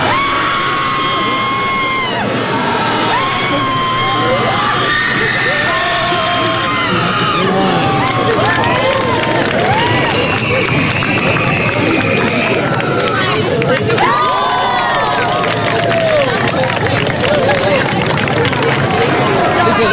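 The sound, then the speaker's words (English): A crowd of people perform a group guttural scream after a 3, 2, 1 countdown, many raw voices overlapping in a loud, sustained roar that rises and falls for the whole twenty seconds without letting up. “Not only is there a group guttural scream, there's also a screaming contest with points for volume, duration, and style.”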